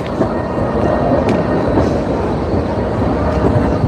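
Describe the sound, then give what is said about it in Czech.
A tram rumbles by, a steady, loud low roar of wheels on rails with faint metallic squeals, filling the whole few seconds without pause. “Hlavně bacha na šalinu.”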